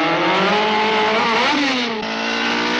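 A car on four Goodyear Safety Spike studded winter tires with tungsten metal spikes races through the Alps in winter at up to 100 miles an hour; its engine roars loudly and steadily, pitch climbing as it revs, dipping briefly, then surging again, with a harsh, gritty rasp from the tires throughout.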